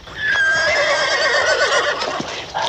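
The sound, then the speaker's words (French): A horse lets out a loud whinny, a quavering, wavering neigh that lasts about two seconds before trailing off, with no one speaking. “Oh là, le cheval.”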